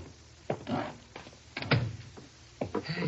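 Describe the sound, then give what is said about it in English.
A door being opened: three separate bursts of creaking and rattling, the middle one loudest, with short quiet gaps between them and no voices. “Door's open. Let's go in.”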